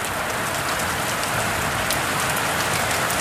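Steady rain falls, a dense, even hiss of drops pattering on a surface, constant throughout with no voices or other sounds.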